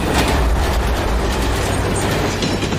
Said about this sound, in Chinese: 今天当飞驰的火车几乎擦着121米高的桥塔而过，它们之间的最近距离只有6.3米。